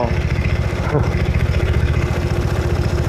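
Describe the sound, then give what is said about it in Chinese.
A black motorcycle's engine rumbles steadily, a low throbbing drone at fairly constant loudness for the few seconds amid street traffic, as it rides over a green belt from the non-motor-vehicle lane into the motor-vehicle lane, with traffic police enforcing ahead. “这辆走非机动车道的黑色摩托车见到前方有交警执法，竟然压着绿化带驶入机动车道。”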